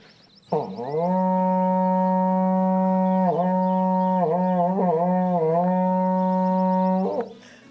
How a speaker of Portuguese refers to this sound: Toca o berrante aí para nós aqui na chácara.